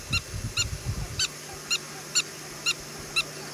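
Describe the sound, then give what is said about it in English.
A prairie dog yips seven times in a steady rhythm, each call a short, sharp, high-pitched chirp with a bright harmonic edge, over a low rumble that fades after the first second. “And they also yip. They yip, and it is so cute.”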